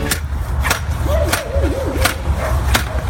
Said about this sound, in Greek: Τα σκυλιά είναι άσχετα, πάντως είναι όντως τοποθέτηση ομπρέλα στην παραλία. Το ακουστικό που είπε ο φίλος ο Δημήτρης, αυτό ακριβώς είναι. Έτσι κάνει όταν σκάβεις